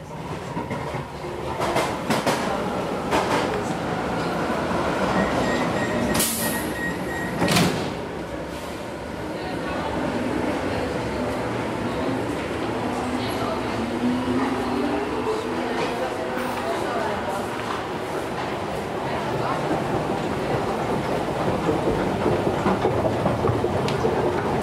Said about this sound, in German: Eine Rolltreppe in Station Hietzing, U-Bahn 4 zur Brücke, früher Hietzinger Brücke, seit Jahren aber Kennedy-Brücke.